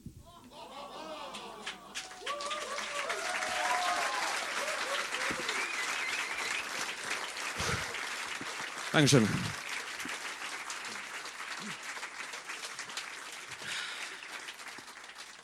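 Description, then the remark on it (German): Sustained audience applause, a dense steady clatter of many hands lasting throughout, while a voice briefly speaks over it near the start. “Vielen Dank für den Applaus.”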